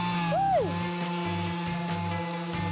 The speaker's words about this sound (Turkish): Şu anda kapımızın son işlemi olan ahşap üretiminde zımpara işlemini gerçekleştireceğiz.